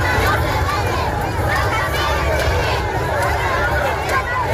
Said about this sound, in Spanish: Don Felipe y también doña Leticia han sentido el calor de miles de ceutíes agolpados en las ciudades a gritos y con banderas de España.